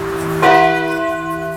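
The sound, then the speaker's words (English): A single bell at the old church on Highway 28 is struck to start a Wednesday morning Radio Woodstock broadcast, its bright clang settling into a long, steady ringing hum of sustained overtones that hangs in the air without fading much. “Ring the bell.”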